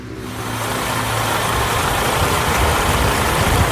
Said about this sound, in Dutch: Dan komt de bus aan in Ter Apel. Ook 6 mensen met grote koffers stappen uit.